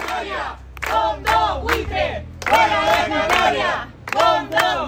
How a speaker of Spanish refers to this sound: Así, entre gritos de los vecinos, se ha llevado a cabo este desahucio de una vivienda de protección oficial, ahora en manos de un fondo de inversión.